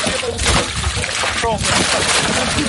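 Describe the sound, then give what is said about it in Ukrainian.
A fountain splashes steadily, its continuous rushing, sputtering water loud and unbroken throughout, with faint muffled voices faintly audible beneath the spray. “Звук фонтану.”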